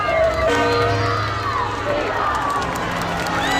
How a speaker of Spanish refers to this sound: Con cánticos y gritos de viva el Papa, 130.000 personas, según datos de la delegación del Gobierno, se han acercado a ver el recorrido entre el Palacio Real y la Plaza de Colón.